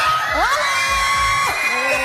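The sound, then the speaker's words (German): A school class of children shouting and cheering together, a loud, excited burst of high-pitched voices with rising whoops, filling the space for a couple of seconds. “was da so ein Geschrei ausgelöst hat, was da abgelaufen ist, das hörst du diese Stunde bei SRF Kids”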